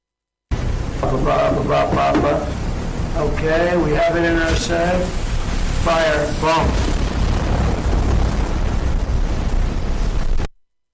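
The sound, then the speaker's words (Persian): A loud, sustained explosive rumble with heavy low booming fills the whole stretch while raised voices call out over it, then it cuts off abruptly. It comes from an AI-generated video of an Iranian drone being hit by fire from a ship. “او ویدیوی ساخته هوش مصنوعی را منتشر کرد که نشان می‌داد یک پهپاد جمهوری اسلامی با شلیک از یک کشتی هدف قرار می‌گیرد.”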